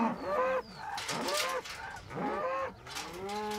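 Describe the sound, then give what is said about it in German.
Several mother cows moo in overlapping, drawn-out calls, loud and harmonically rich, rising and falling in pitch over a few seconds with no talking. They are eager to get through a fence to their calves on an island farm on Hiddensee. “Nicht nur die Kühe gehen mit dem Kopf gern mal durch die Wand, wenn es drauf ankommt.”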